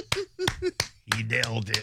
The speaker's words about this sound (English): and by the way, absolutely, he does get applause for that.